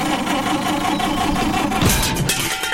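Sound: car engine sputtering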